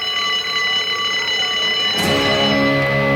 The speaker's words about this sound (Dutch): We laten even het schoolbelletje rinkelen.